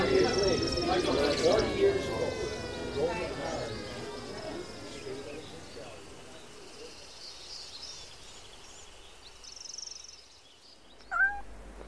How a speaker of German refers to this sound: jetzt lass endlich das Wollknäuel unter dem Herd in Ruhe und hör auf mit dem elenden Miauen.